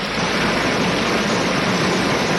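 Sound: small trickling brook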